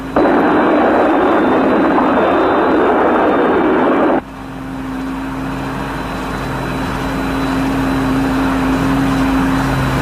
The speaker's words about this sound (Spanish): Te habla Scott desde Thunderbird 1. Nos estamos aproximando. Así que trata de escuchar el sonido de nuestros jets. Cruzando la costa del Pacífico.